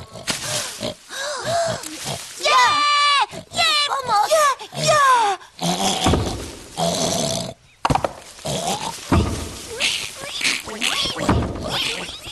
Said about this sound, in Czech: Prasátka se bez mámy bojí a ta se zase bojí o ně. Proto je tak rozlobená.